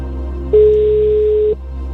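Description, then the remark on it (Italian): A single one-second burst of a steady, mid-pitched telephone ringing tone, the second ring of a call, rises over a low background hum, then cuts off abruptly, with no voices present. “Primo squillo? Secondo.”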